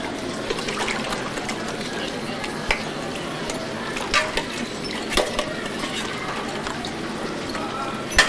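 Dishes clatter and clink against a steady wash of running water, with sharp knocks of plates and utensils scattered throughout, busy, like a sink full of dishes being washed.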